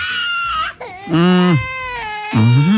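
A small child screams and wails on an airplane shortly before takeoff, in loud, strained bursts, about three long cries with brief breaks between them, piercing with no talk over it.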